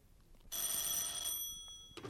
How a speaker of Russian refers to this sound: А начались эти события с телефонного звонка, который разбудил Вольта Брагина.